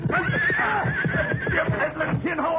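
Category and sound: animal, horse neighing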